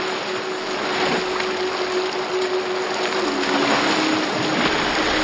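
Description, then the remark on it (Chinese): Racehorses being trained at five in the morning splash through a cold river on grassland by the Yellow River, the water rushing and churning in a steady, loud wash of noise, with a faint low hum running underneath and no voices. “冰冷的河水能刺激马的皮肤，让马匹更能抗寒，这是一匹赛马需要具备的能力。”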